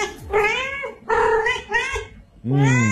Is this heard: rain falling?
no